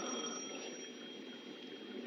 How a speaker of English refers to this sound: It was 5 minutes to 6 when the phone rang again.